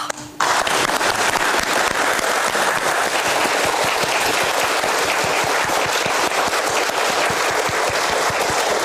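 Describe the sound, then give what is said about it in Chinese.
Sustained applause from staff in the main control room of the Fangchenggang nuclear power plant, as Unit 3 (Hualong One) is connected to the grid after its first major overhaul; dense and steady, starting abruptly after a brief pause and continuing loudly for several seconds without speech. “其实我们为什么鼓掌呢？就是大家经过一个大修就很开心，最重要、最开心的就是这个最重要的这个并网的这个环节啊。”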